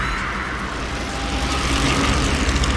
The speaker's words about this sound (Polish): To chyba kolażówka była, panie. To chyba kolażówka była. Szum opon na drodze albo w lesie. Rower.